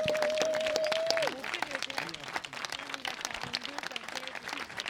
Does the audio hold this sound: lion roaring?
no